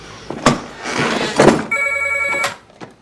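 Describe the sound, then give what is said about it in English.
A telephone rings once at home with a short, bright electronic trill, after some rustling and a couple of soft thumps. The ring is fairly loud, then cuts off. “Vincent's asleep at home when Maggie rings.”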